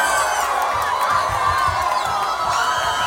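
A huge stadium crowd of Brazilian football fans roars in sustained, loud cheering as Cape Verde equalises to 2-2 against Argentina in extra time of a World Cup match, with whoops and shouts rising out of the dense wall of noise for the whole stretch.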